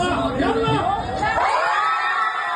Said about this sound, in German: Ein kollektiver Freudenschrei in Kairo, als Abwehrspieler Hossam Abdelmagid den entscheidenden Elfmeter trifft.